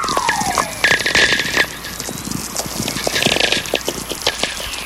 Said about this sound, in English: Well, at this very moment, I've got my headphones on. These whistlers are really coming in big streams now. There's just one whistler kind of merging into the other, all slowly descending in pitch. Oh, These are so great. Wow.